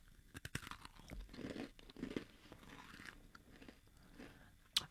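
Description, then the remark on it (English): Crunching of crispy, buttery cookie brittle with tiny chocolate chips: a couple of sharp bites at the start, then several seconds of brittle, crackly chewing, ending with another loud snap. “It's a brittle because it's really crunchy.”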